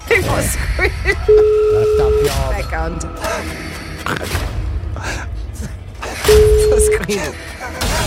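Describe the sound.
Two steady telephone call tones of a phone call being placed, each lasting about a second and spaced several seconds apart, sound clearly over a busy background of overlapping voices and rumbling noise.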